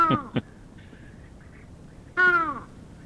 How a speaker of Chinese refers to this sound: 可是它的声音呢、哦、就没有那么的有观赏性哈、哦。被形容为像沙哑感冒的乌鸦，它的叫声我们来听听看。 有这么糟糕吗？我们来听一下。